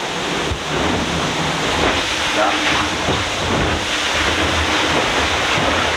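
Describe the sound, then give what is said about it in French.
A sailboat's hull surges through choppy water as the boat accelerates in a wave, a loud, continuous rushing hiss of spray and wash, with a brief spoken word barely audible over it. “Il y a d'abord le bruit du bateau qui accélère dans la vague.”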